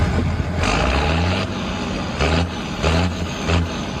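A tractor's heavy diesel engine rumbles steadily at the European Ploughing Championships in Hallau, its low throb rising and falling in a few pulsing surges as it works, with no voices present.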